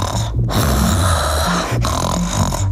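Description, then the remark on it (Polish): A voice imitates snoring, as a warm-up exercise before pronunciation practice, with loud, raspy, rattling breaths. It is one short snort followed by two long, drawn-out snores, separated by brief pauses, with no talking over it. “Chrapnął sobie.”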